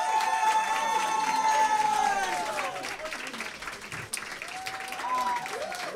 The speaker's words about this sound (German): So, jetzt bitte nochmal einen großen Applaus